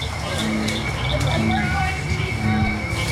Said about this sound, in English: The proof? All the singing frogs. They're an indicator species. They are going to do well if they have healthy ecosystems. As the sky turns dark and the barely worn path is lit up by headlamps, more and more frogs start to sing.